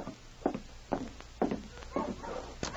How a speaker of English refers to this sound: Hey, listen. Dogs. Yes. Wonder who it can be. I'll take a look.